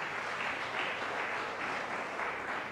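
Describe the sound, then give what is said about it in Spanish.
Sustained applause from a crowd of people clapping together, a dense, steady patter of many hands filling the space for a few seconds with no talking over it. “¿Cuánto le damos ese fuerte aplauso?”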